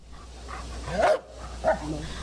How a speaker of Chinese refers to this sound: 7月18号上午10:40，重庆彭水山体崩塌灾害现场，一只黑色的拉布拉多搜救犬跃进满是巨石、砖块、钢筋的废墟，仔细搜寻后停在一处塌方体前，吠叫示警。这意味着它发现了废墟之下可能存在生命迹象。